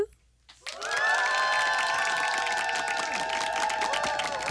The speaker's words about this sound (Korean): 기상에 성공한 모든 분들께 박수.